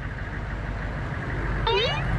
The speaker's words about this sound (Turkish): Yakınlardan geçen bir kamyon var demek ki. Birazdan uzaklaşır, merak etme.